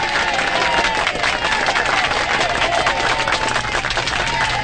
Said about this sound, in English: To the Family First Radiothon, a heartfelt cheer for you two.